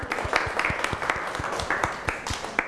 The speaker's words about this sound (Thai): เก่งมากค่ะปรบมือให้ตัวเองก่อน